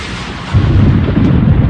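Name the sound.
thunder crack sound effect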